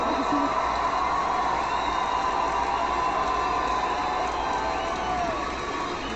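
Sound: audience applauding and cheering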